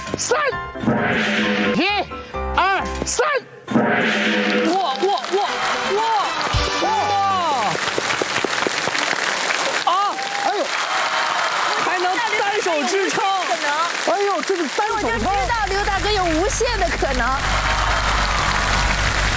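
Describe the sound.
An audience on the stage of the Xiangtu Nengren Dahui (local talent show) bursts into steady applause as a contestant tries a challenge, carrying on for most of the stretch, mixed with excited voices and cheering calls rising above the dense clapping.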